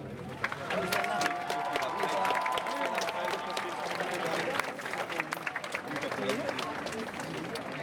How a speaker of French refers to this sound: Pour ça, nous pouvons nous applaudir.